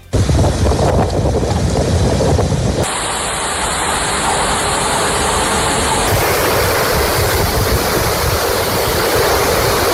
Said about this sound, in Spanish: Son los sonidos del temporal que ha puesto en alerta naranja a las islas por tormentas, fuertes lluvias y rachas de viento que de momento se han cobrado una víctima mortal en Felanitx y que han provocado más de 150 incidentes en las islas.